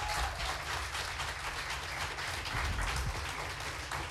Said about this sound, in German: Bitte heißt auch sie mit einem 10-Punkte-Applaus noch einmal hier vorne willkommen.